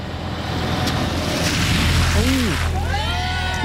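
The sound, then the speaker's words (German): A truck or other large vehicle rumbles past and ploughs through a deep roadside puddle, throwing up a long, loud, hissing splash; brief voices rise over it toward the end. “Du bist auf dem Gehweg und ein LKW oder auch ein anderes großes Auto fährt da durch und macht dich nass.”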